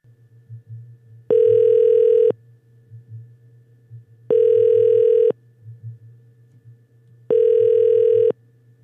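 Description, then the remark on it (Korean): A telephone ringback tone purrs three times as a Far East Broadcasting radio producer places a check-up call to a listener, each steady one-second tone followed by a two-second pause, clear and prominent over a faint low background hum, with no one talking. “제가 한번 확인 전화 한번 해볼게요.”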